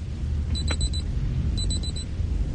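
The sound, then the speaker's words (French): A person imitates an alarm clock with their mouth, live on air: two bursts of four quick, high electronic-sounding beeps separated by a short pause, fairly clear over a steady low rumble in the background. “Écoutez, je vais vous faire le bruit du réveil avec ma bouche.”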